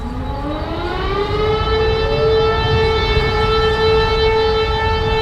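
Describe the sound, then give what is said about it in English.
Civil defense sirens in Warsaw, Poland, sounding at exactly 5 p.m. on August 1st to mark W hour, the start of the 1944 Warsaw Uprising. The wail rises at the start then holds a long sustained pitch, loud and continuous over a low rumbling background with no voices. “Every year on August 1st, people in Warsaw and much of Poland stop to the sound of sirens at exactly 5 p.m.”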